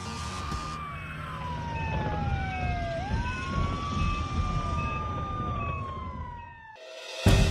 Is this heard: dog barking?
no